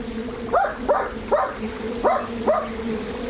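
A small dog barks and yips five times in quick, uneven succession, sharp rising yelps over a steady low background hum, beside a shallow stream.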